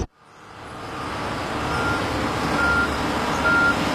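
A truck's reversing alarm beeps at a steady interval over a continuous rumble of heavy engine and road noise at a road resurfacing site where traffic was not fully closed off, with no one talking.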